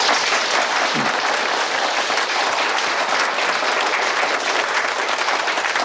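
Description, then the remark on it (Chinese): Village representatives at an on-site meeting in Tianmashan Village applaud to welcome Secretary Ma to speak, a dense wash of many hands clapping at an even level for several seconds, with no voices rising above it. “今天呢亲临我们天马山村开这个现场会啊，接下来呢请马书记发言，大家掌声欢迎。”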